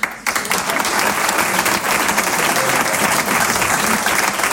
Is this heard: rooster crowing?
no